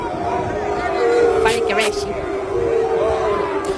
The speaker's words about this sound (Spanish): Oh, gritan boo. Qué problema.